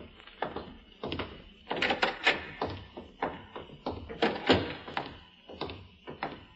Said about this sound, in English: Door.